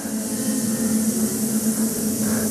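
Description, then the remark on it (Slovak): A large audience filling a hall makes a steady, continuous buzzing drone in imitation of a swarm of bees, as a sound effect for a radio play, a low hum with a hissy edge that holds evenly for the whole moment. “Milé zbory, práve ste vleteli do úľa.”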